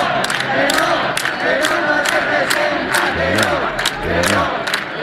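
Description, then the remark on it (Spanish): A large 15M movement protest crowd in Spain chants slogans in unison, loud and sustained, with rhythmic rising and falling shouts punctuated by regular sharp beats or claps throughout. “Pero antes tuvimos que oír consignas como estas.”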